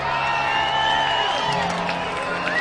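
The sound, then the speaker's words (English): An announced crowd of 6,266 at a Saturday night baseball game in Reno, Aces against the Aviators, cheers and whoops in a steady, loud roar, with scattered shouts and whistles rising over the dense wash of voices throughout. “Crowd of 6,266 announced getting into it on a Saturday night in Reno.”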